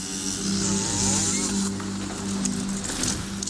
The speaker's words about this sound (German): Eine halbnackte Frau steht mit einer Kettensäge vor einem großen orthodoxen Holzkreuz und sägt es kurzerhand um.